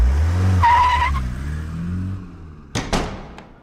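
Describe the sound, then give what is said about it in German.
A car engine rumbles as tires let out a brief, high screech while it pulls up, followed by two sharp knocks near the end; no one speaks. “wir bräuchten dann einen Wagen, bitte.”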